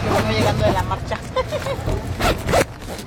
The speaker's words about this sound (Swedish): öppnar dragkedjan till sitt tält. Det är blött där inne från nattens ösregn.